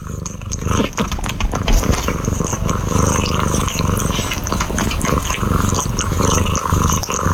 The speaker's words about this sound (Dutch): Mijn kat Floris is zich aan het wassen op mijn schoot. Oh, dat is ook wel heel gezellig. Lief.